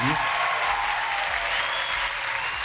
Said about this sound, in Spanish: está por acá también, un aplauso para ella.